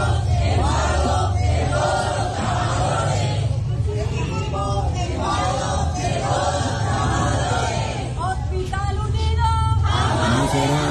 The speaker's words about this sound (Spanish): Ahí estaban las mujeres y los hombres gritando el día anterior, pero nada.